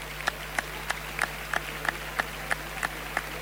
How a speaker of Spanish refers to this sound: El aplauso no lo entiendo. Los aplausos porque el toro se aguanta. Creo que tampoco es sinónimo de bravura el que toro se aguante ahora en la muerte.